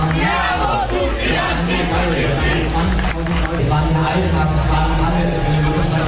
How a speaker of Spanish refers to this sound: Son los gritos antifascistas de anoche en la puerta de Brandenburgo de Berlín, una concentración de pocos miles de personas.